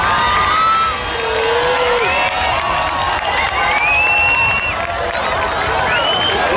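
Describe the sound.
A crowd in Mallorca claps and cheers at a spectacle steadily throughout, with scattered rising whoops and shouting voices over a dense, continuous wash of applause.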